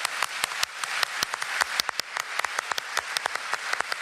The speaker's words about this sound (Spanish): Acá vamos a estar conectados, no solamente con ustedes a través de las redes, sino también conectados con el público presente. Le damos un fuerte aplauso a nosotros.